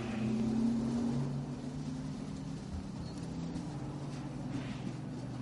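Ira's racing car engine drones at a low, steady pitch as it rolls into the pits, loudest in the first second before settling into an even rumble with slight pitch shifts. No one speaks.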